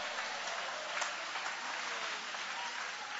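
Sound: audience applauding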